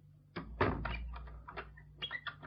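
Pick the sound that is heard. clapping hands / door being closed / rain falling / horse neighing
door being closed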